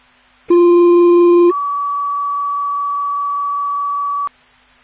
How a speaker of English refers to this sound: Greenlight Township, all call tones for the mutual aid at 1031 Waverly Avenue.